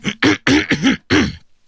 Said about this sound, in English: Sorry about that. I know I'm getting a cough.